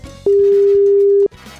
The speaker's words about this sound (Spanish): Ojalá que esta persona me conteste el teléfono. Es un llamado súper importante que queremos hacer a esta hora. A ver. Ahí está sonando.